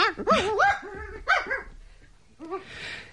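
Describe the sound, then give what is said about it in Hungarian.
A dog named Flash barks in a quick burst of several sharp yips and barks, pauses, then gives one more short bark followed by a soft breathy noise. “Jól van. Jól, kutya. Szófogadó.”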